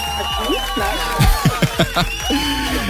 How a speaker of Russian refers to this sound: и эти аплодисменты этим утром для тебя.